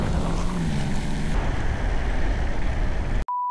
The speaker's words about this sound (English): Trucks rolling.